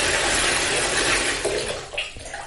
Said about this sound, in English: You turn on the water. Okay, that's beginning to fill up. Kind of what you expect from a bathtub. Yeah, it's filling up pretty nicely. I'm going to turn off the faucet here for a second.